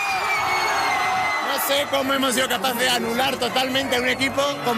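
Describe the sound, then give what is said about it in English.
Soccer fans shout, cheer and leap together in a loud crowd, celebrating their team's win over Argentina, with whoops and bellowed voices rising and falling over a steady roar of excited babble. “said fan … in shock as fans leapt and shouted around him”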